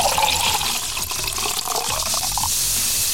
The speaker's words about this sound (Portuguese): Eu vou tomar água, rapaz do céu.